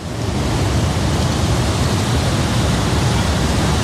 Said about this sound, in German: Und zu dem Wasserfall von der Ängstlichen steigen wir jetzt runter.